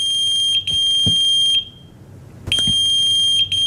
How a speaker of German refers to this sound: Was ist das? Das ist ein Pager.